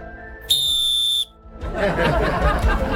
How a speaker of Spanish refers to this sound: ¿Dónde está el silbato acá? ¿Dónde está el silbato? No, pásame el otro silbato que se suena muy bajo.